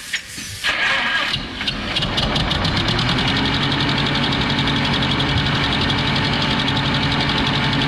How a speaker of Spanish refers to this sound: Para el ingeniero Romero, arrancamos el tractor.